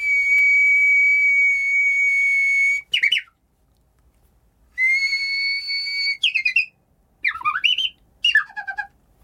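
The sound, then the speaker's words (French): A person whistles an imitation of the song of a Japanese bush warbler (uguisu), twice: a long, steady high note, then a quick warbling flourish sliding downward, clear with no talking. “Dès qu'on arrive au Japon, on a pu rentrer en connexion avec l'oguizu, le rossignol japonais.”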